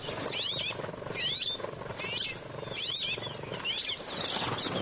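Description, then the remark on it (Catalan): A rock sparrow (Petronia petronia), a resident bird of open fields and farmland, sings a series of repeated short phrases, high buzzy whistles mixed with quick sweeping notes, about one every second, over a steady background hiss. “Pardal roquer, Petronia petronia. Ocell resident als camps oberts i zones de conreu.”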